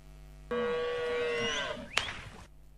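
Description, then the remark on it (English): A single drawn-out cow moo, loud, lasting about two seconds before a sharp click and an abrupt cutoff near the end. “I want you to guess if this cow is expensive or not. Here's the first sound.”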